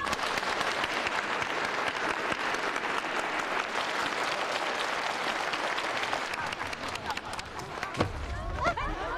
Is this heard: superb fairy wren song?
no